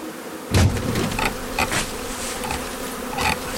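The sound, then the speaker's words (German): A steady, dense buzzing of a honeybee swarm cluster being sprayed with water from a mister, with a few sharp knocks and soft bumps breaking through. No one speaks. “Und das bewirkt, dass sich die Bienen enger zusammenziehen und nicht so schnell auffliegen.”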